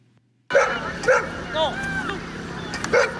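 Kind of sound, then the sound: animal, dogs barking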